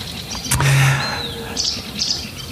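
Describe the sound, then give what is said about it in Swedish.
A sedge warbler sings from the reeds in short bursts of high chirps and a thin rising whistle, over a low steady background hum with no voices, in nearly windless conditions. “Den är lite mer intensiv, det är lite som hackspetten i Kalle Anka på julafton eller sälsångaren tycker jag.”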